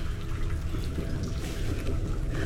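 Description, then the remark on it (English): A steady, heavy roar of rushing floodwater pouring down the Arnon Gorge after a storm, dense and continuous with a deep rumbling churn, loud, with no voices. “It is not uncommon for large quantities of water to come cascading down the gorge.”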